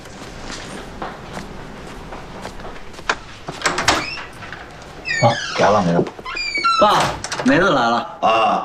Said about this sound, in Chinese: 放心吧，走了。我开门去啊，爸。